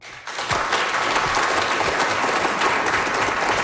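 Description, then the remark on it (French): An audience at a science bar evening at the Cœur des sciences of UQAM bursts into steady applause, clapping to answer whether they have ever been on a diet: many hands in a dense, sustained wash that starts abruptly and holds at an even, loud level throughout. “Par applaudissement dans la salle, qui a déjà suivi un régime?”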